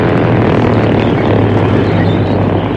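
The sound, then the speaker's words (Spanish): A small propeller airplane taking off from a jungle clearing, its engine droning loudly and steadily overhead, a dense continuous roar with a low throbbing hum and no voices. “Y a bordo de la avioneta, Rosco, sonriendo brutalmente, se asomaba por la ventanilla para ver los resultados de su ataque.”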